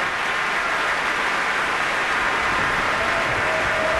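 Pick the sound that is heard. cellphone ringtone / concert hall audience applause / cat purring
concert hall audience applause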